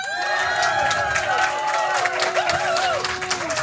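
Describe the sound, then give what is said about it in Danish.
A dense outdoor crowd of thousands murmurs and chatters steadily at a festival stage on Mors, Denmark, with many overlapping voices and scattered claps or shouts, forming a continuous, fairly loud wash of audience noise. “Nu er vi flyttet ud på bøgescenen, kunne man vel godt kalde det. Det er scene med publikum.”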